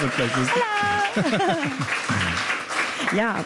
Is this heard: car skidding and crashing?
no